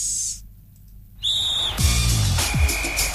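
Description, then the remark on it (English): A single sharp whistle blast rings out clearly, then gives way to a loud, roaring wash of noise with low swooping tones underneath. No one speaks. “The whistle goes and it's Halftime Sports.”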